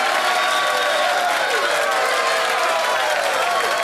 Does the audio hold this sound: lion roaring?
no